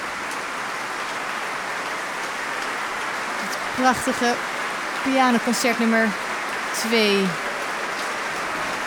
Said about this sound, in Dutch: Ze zijn de trap opgegaan, maar ik weet zeker dat ze nog naar beneden komen, want het publiek is uitzinnig aan het klappen.